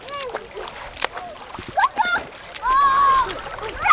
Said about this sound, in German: Auch wenn das nach Schwimmbad klingt, die Kinder spielen hier im kleinen Fluss Jagst. Die ist an dieser Stelle knapp 40 cm tief und etwa 2 Meter breit.